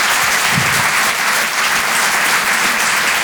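A crowd applauds steadily, a dense, even wash of clapping that stays loud and unbroken for a few seconds, with no voices standing out.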